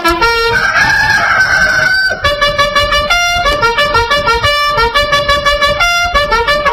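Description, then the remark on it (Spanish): A rooster crows once in a long, rising, strained call, used as the wake-up call "El Despertador" for children listening to Betel. A loud, bright electronic jingle follows, hopping through quick stepped notes until the end. No one speaks. “¡Gallito!”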